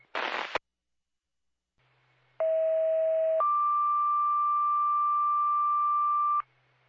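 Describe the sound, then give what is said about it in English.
A brief burst of radio static, then a loud two-tone alert: a lower steady tone for about a second, stepping up to a higher tone held for three seconds before cutting off. “No need for further tones.”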